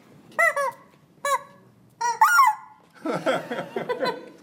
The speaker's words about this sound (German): Ich glaube, wir lassen das mit den Enten. Das sind Hühner, keine Enten.